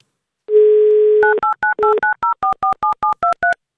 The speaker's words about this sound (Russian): Представляете, да, как случилось? Мы услышали гудок вместо гимна, а так хотелось услышать именно красивый и замечательный гимн авторадио.